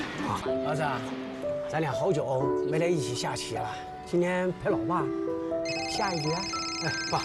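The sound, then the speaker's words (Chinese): A melodic phone ringtone plays fairly loud, its bright electronic notes repeating in a steady looping tune for several seconds without pause. “哎，爸，我先接个电话啊。”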